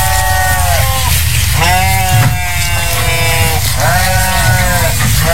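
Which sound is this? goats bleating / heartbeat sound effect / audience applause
goats bleating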